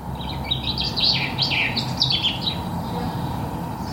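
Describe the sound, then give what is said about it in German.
High, shrill birdsong with quick chirps and trills in bursts over the first three seconds, over a steady low rumble of traffic noise; the shrill birdsong serves to cover the traffic noise in an apartment. “Die Geräusche der Natur beruhigen sie, erzählt sie, selbst wenn darunter noch der Verkehrslärm zu hören ist. Ich habe herausgefunden, je schriller ein Vogelgesang, desto besser überdeckt es.”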